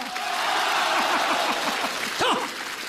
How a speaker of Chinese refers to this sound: 来，朋友们，我们掌声鼓励他一个人说一段对口相声，好不好？